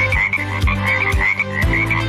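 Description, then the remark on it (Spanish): Frogs croaking in a steady, repeating rhythm, loud, with several calls overlapping in a continuous chorus and no voices. “Los anfibios son inofensivos y realizan una gran labor controlando las plagas en el ecosistema.”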